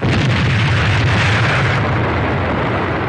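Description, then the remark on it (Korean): A loud, thunderous explosion of a bridge being blown up over a river rumbles with heavy low-end boom and a broad roar of debris, sustained for a few seconds without fading much, and no voices. “얼마 뒤 강에서 하늘과 땅을 뒤흔드는 소리가 울리고 처절하게 울부짖는 소리가 이어지더니 다리가 끊기었다.”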